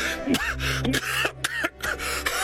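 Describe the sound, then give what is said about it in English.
A man coughs in a rough, repeated spell: about five harsh bursts at irregular intervals, with a steady low hum and faint music underneath. “It is just a coughing spell, my dear.”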